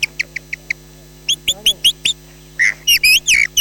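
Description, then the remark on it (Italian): At a bird fair, a chioccolatore, an artist who uses mouth and throat to reproduce birdsong, whistles an imitation of a blackbird's dawn song: a quick run of short, bright chirps, then fuller warbling, fluttering phrases, loud over a faint steady background hum. “E adesso vi faccio sentire il merlo all'alba.”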